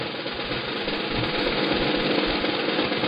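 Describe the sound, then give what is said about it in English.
Folded slips of paper being shaken and rustled inside a hat for a prize draw for a Twister, held with Lotteries New South Wales. The sound is a dense, continuous crackling and scratching that stays loud and steady for a few seconds, with no voices. “There, I've got a hat. There's folded up pieces of paper in it. Can you hear it?”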